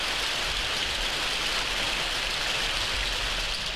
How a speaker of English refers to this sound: The rain was coming down like it was trying to wash us away, so we were almost glad to get inside that spooky old place.